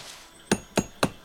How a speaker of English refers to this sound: In the pale light of pre-dawn, Peeta hammers the spike into a tree and collects water.